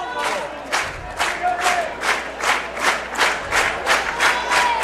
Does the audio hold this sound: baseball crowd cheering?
yes